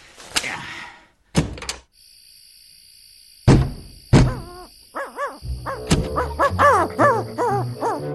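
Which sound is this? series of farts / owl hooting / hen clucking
owl hooting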